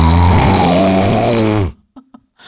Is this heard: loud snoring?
yes